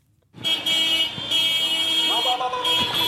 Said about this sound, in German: Soldaten mit geschulterten Gewehren lassen sich auf hupenden Pickup-Trucks durch die Straßen von Mekele fahren, der Provinzhauptstadt von Tigray.